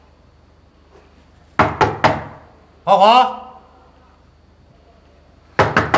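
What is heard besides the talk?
knocking on a door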